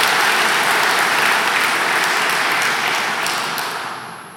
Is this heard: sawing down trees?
no